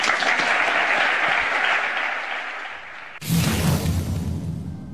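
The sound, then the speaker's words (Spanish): A large crowd applauds steadily in a dense wash of clapping. About three seconds in, it cuts abruptly to a fuller, rumbling burst of stadium applause with crowd roar. “Un aplauso.”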